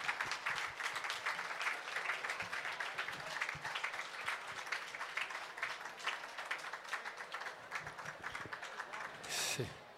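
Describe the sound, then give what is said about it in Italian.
Sustained applause from a crowd for the first employees of the Peschiera, dense overlapping claps at steady loudness for the full ten seconds, with a brief brighter burst of noise near the end. “Vorrei fare un applauso, guardate che carini.”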